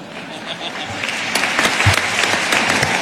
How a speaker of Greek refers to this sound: Εγώ αυτό το χειροκρότημα δεν το παίρνω πόπο ρε φίλε